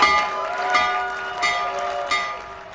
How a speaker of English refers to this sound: President Trump made stock market history by ringing both the NASDAQ and New York Stock Exchange opening bells from the White House.